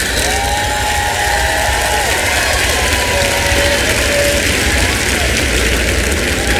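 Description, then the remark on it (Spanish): A church audience applauds loudly and steadily at the preacher's call to clap hard during a sermon, a dense wash of clapping that holds for the whole stretch, with a few faint cheers and whoops rising through it. “No quiero aplausitos de bebé hoy, quiero que aplaudan fuerte, amén.”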